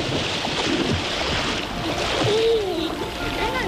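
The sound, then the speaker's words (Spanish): Continuous sloshing and splashing of water as people soak in the water at Cañamero, a village in Extremadura, Spain, between Logrosán and Guadalupe; a busy watery wash throughout, with a few voices calling faintly in the background. “hoy nos estamos remojando el culino aquí en Cañamero, en un pueblo que está entre las localidades de Logrosán y Guadalupe”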